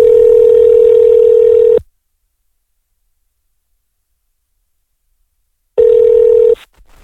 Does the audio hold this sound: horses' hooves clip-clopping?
no